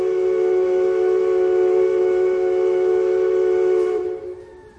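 A steamship arriving sounds its steam whistle in one long, steady blast, a loud, mid-pitched tone with rich overtones that holds for about four seconds, then cuts off and fades. No one speaks.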